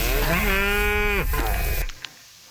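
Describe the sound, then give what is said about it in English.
A cow lets out a long, loud moo lasting over a second, with a second overlapping lowing call, over a steady outdoor rumble that cuts off abruptly, leaving near silence. “So as you heard from her and her cows”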